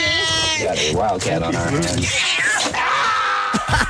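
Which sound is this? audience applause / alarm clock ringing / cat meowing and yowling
cat meowing and yowling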